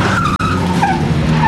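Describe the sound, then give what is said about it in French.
The tires of four old front-wheel-drive cars (tractions avant) arriving at speed screech loudly as they skid to a stop. High wavering squeals ride over a heavy engine rumble, with a split-second gap early on and no voices. “Quatre tractions avant arrivent en trombe.”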